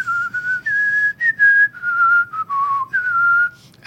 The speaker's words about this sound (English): And as I often do, it just happened to be whistling a little tune.